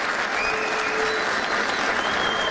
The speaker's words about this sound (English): Nobody clapping knows what he said. I'm just here to tell you.